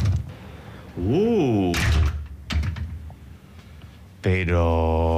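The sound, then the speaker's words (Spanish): Metallic clicks and rattles of a key working in a lock, the key sticking and not wanting to come out, followed by a long creaking groan as the door of the Palacio de los Títeres puppet theatre swings open, with faint background noise. “Ahí la llave, que no quiere salir.”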